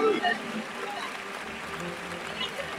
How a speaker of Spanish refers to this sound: También el toro que se arrastra, se le brinda palmas ante el arrastre.